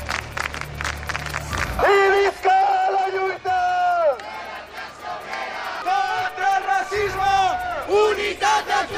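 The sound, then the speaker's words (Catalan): A protest march of over 500 people through the centre of Palma chants slogans against war and genocide in loud, rhythmic unison, including "Boicot Israel!", voices rising and falling in repeated bursts, with cheering and crowd noise filling the gaps. “En aquesta marxa han duit una gran bandera palestina i s'han sentit moltes consignes en contra del genocidi.”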